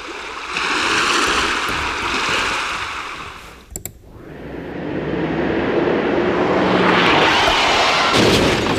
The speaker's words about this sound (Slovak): Nie, toto je more.